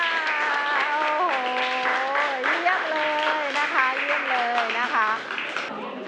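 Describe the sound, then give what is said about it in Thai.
A group of students in a class claps steadily and densely for several seconds after performing, while voices ring out loudly over the applause the whole time. “ค่ะปรบมือค่ะ”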